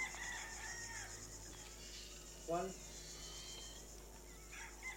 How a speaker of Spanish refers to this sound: Oye, empieza con los gallos la canción, ¿eh?